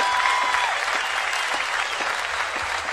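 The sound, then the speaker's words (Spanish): Sustained audience applause at the Fiesta Nacional del Chamamé, a dense wash of many hands clapping at a steady, fairly loud level throughout, with a brief high tone sounding at the very start. “Bueno, quiero que le den otro gran aplauso.”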